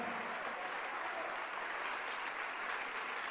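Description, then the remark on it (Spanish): Steady, sustained applause from an audience, given by those who believe they can, a dense wash of many hands clapping at once with no break over its few seconds and no voices standing out. “Dale el aplauso si tú crees que tú puedes.”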